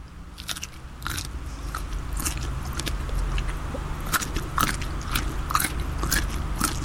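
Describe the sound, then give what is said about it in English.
Crunching and chewing with the mouth open, a steady run of sharp crisp bites and wet smacking repeating every half second or so over a low background rumble, no talking. “There's a bit of crunch.”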